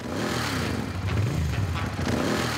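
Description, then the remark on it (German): A motorcycle engine starts and rumbles steadily at a tour start at the Michel, its pitch rising and falling in a brief rev before settling back into a throaty idle, loud and continuous throughout with no voices. “Motor an, Kopf frei.”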